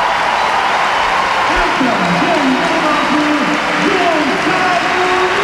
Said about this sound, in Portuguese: Vai sair Cristiano Ronaldo para ceder lugar a Gonçalo Ramos. Aplausos do estádio José Alvalade.